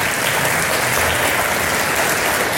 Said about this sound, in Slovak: Tak, ešte jeden potlesk pre Vladimíra Kobielského.